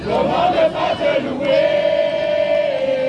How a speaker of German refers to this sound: Ein Empfangskomitee aus Kindern und Jugendlichen singt, klatscht und jubelt, als der Papst am Flughafen von Paris-Orly landet.